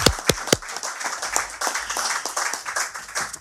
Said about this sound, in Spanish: Le aplaudo a mi padre.